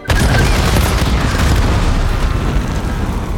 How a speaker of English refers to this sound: As soon as they land, they explode violently into the crowd.